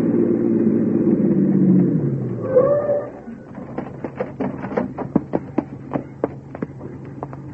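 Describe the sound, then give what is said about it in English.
A police squad car's engine rumbles and winds down as the car pulls up and slows, followed by a run of sharp irregular clicks and crunches as it settles to a stop. “Right behind that squad car pulling up.”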